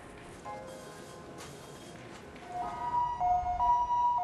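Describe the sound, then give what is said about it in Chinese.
An ambulance siren wails in a two-tone pattern, swelling louder as the ambulance arrives at Tzu Chi Hospital bringing a patient, over a steady low rumble of traffic; no one speaks. “这边还没来得及结束工作，救护车又将一名病患送到了慈济医院。”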